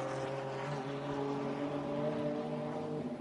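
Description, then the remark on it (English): Steady, loud engine drone with several layered harmonic tones holding nearly constant pitch, as the rest of a TCR touring car race field runs past together without a break. “because here comes the rest of this TCR field.”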